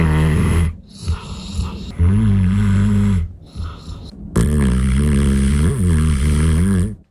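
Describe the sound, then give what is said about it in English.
A Bernese Mountain Dog snoring loudly while asleep, with long rumbling, harmonic breaths repeating in uneven cycles, each snore drawn out for a second or more with brief quieter gaps between. “That is a Bernese Mountain Dog having a snooze.”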